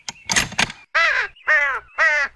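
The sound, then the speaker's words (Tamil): A crow gives three loud, harsh caws in steady succession, after a couple of short scratchy bursts of noise at the start. “காக்கா கத்துற சத்தம் இன்னும் கேட்டுக்கிட்டு இருக்கு.”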